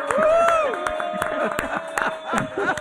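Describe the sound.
A burst of crowd applause with scattered sharp claps and whooping cheers, fairly loud and close, continuing steadily over a few seconds with voices mixed in.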